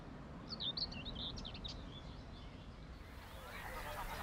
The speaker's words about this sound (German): Im Vorfrühling ertönt aus ihnen ein besonderes Vogelkonzert. Stimmen, die man in diesem Arrangement nur hier zu hören bekommt. Dank Vogellunge mit Luftvorratssäcken können Rohrschwirrl und Schilfrohrsänger pausenlos singen und gleichzeitig atmen.